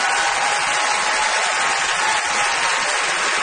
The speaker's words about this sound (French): qu'on applaudit